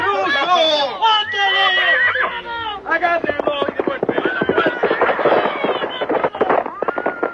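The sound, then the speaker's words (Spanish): A spirited horse, mounted by Alcor, lets out a loud, shrill whinny, then rapid hoofbeats pound in a dense, galloping rhythm that carries on steadily to the end. “Enfurecido, Alcor monta en su brioso caballo.”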